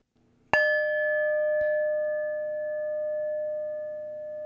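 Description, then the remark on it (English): A single bell is struck once and rings out with a clear, sustained tone that lingers for several seconds. A faint second tap sounds shortly after. No one speaks. “And I will typically start the show off with the bell.”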